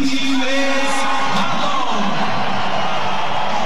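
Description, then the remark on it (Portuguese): A stadium crowd of Grêmio fans applauding footballer Wallace, number 82, as the team lineup is announced: a loud, dense wash of clapping and cheering that holds steady for the full few seconds, with occasional whoops rising out of the roar. “Esse aí vai ser bem aplaudido, hein?”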